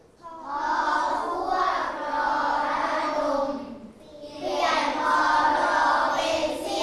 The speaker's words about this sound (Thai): ปรบมือยอดเยี่ยมอ่านเองเก่งจังเก่งมากนะครับ